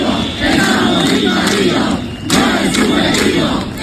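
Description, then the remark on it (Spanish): A large crowd of protesters in Ceuta chants a slogan in loud unison, many voices shouting the rhythmic phrase "¡No es subjetivo! ¡Estamos invadidos!", pausing briefly, then launching into it again with the same cadence. “La situación de los ceutíes, como ves, es insostenible y por ello siguen manifestándose pidiendo soluciones.”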